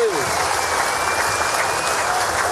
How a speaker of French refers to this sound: Alors on les applaudit encore une dernière fois